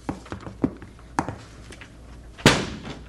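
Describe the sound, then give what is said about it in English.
A restaurant's side door, reached down an alley, being forced open: several sharp knocks and rattling thumps, a short pause, then a loud splintering bang as it gives way, with a lingering rumble. “Let's go down the alley and try the side door.”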